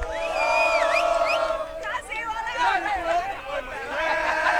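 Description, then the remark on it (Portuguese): A loud crowd of Brazilian football fans at the World Cup chants and sings together "Brasil, olê, olê, olê" in sustained, wavering melodic lines, with cheers and whoops rising over the continuous roar of voices. “Deixa eu entrar no meio do povo brasileiro aqui. Brasil, olê, olê, olê. Vamos gritar, vai.”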